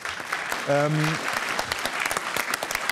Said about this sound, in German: Die Zahlen, die hier draufstehen, sind unbedenklich, habe ich mir versichern lassen von den Kolleginnen und Kollegen der Landesanstalt für Umwelt Baden-Württemberg, für die es einen großen Applaus an dieser Stelle gibt.